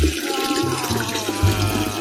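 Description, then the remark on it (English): A pee-in-the-toilet sound effect: a steady, fairly loud stream of splashing water with a hissy texture and low gurgling underneath, running for about two seconds with no one speaking. “That reminds me, I forgot to add the sound effect.”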